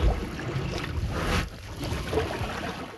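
A canoe glides through water with a steady wash of splashing and wind rumble, a brief louder paddle swish about halfway through. No voices, close to the microphone.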